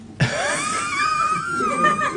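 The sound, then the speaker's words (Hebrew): A voice mimics heavy, wheezing breathing over a phone line, one long drawn-out breath with a raspy, whistling tone, fairly loud, with no words spoken. “אני שומע כאילו נשימות.”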